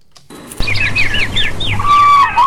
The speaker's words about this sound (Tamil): காட்டின் அமைதியில் குயிலின் குரல் கேட்கிறது